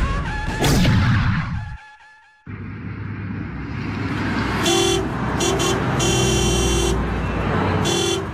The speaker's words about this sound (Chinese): 南京的大街上，市井喧哗，人来车往，汽车、马车、黄包车，还有熙熙攘攘的人流，来来往往，好不热闹。